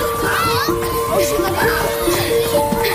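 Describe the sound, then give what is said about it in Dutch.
Children playing outdoors, their overlapping shouts and chatter forming a steady, lively wash of sound, with no single voice standing out. “Maar het geluid van spelende kinderen wordt steeds iets zachter.”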